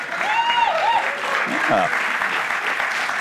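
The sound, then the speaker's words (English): The studio audience of the Fox News show Gutfeld! applauds steadily, a dense, even wash of clapping at a constant loudness, with a few whoops and voices poking through the crowd noise. “We're clapping for my tease.”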